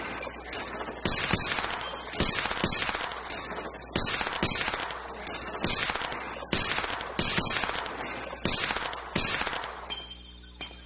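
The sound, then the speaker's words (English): A rapid string of about a dozen sharp six-shooter pistol shots fired at twelve clay targets, at uneven intervals with brief gaps between bursts, each crack loud and snappy, on a slightly windy day, with no talking, fading to quiet at the end. “I am teaching this young miss a lesson in marksmanship.”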